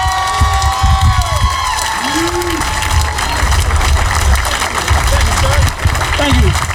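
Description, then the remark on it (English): A crowd claps and cheers loudly without a break for headlining comedian Patrice O'Neal as he is introduced, a dense wash of applause with scattered shouts and whoops rising above it for several seconds. “Please give it up for Mr. Patrice O'Neal!”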